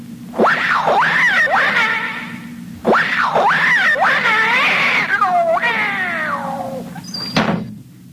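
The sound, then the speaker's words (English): A cat yowls loudly in two long, wavering, drawn-out wails, the second sliding downward, as it is shooed out of a room, followed by a brief thump near the end. “But there is a cat in there. Not for long. Come on. Scat, cat!”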